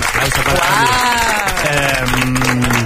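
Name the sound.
studio audience applause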